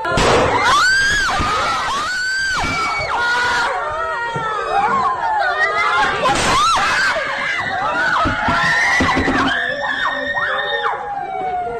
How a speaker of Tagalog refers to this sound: Sa isang video nakuha sa loob ng isang classroom, maririnig ang iyakan ng mga estudyante. Maya-maya magugulantang sila sa putok ng baril.